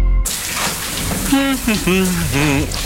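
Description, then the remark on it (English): Shower water runs in a steady hiss from start to finish, and partway through a voice calls out twice over the spray. The shower's hot water has run out because of an old hot water system. “Where's all the hot water? Oh, I knew that hot water system was old. Now there's no showers for anyone.”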